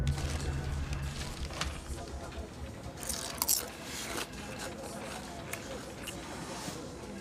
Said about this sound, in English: I can hear you munching these from the other side of the office.